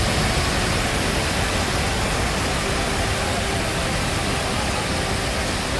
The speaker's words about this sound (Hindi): ये तस्वीरें उत्तराखंड के ऋषिकेश की हैं, जिसे देखकर किसी का भी दिल दहल जाएगा। पिछले कुछ दिनों से लगातार हो रही बारिश की वजह से बीन नदी में अचानक जलस्तर बढ़ गया। नदी की तेज धार की चपेट में ये कार आ गई।